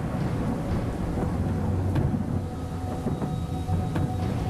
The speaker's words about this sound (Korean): 그러자 갑자기 하늘에서 천둥 번개가 치고 장대 같은 비가 쏟아지기 시작했습니다.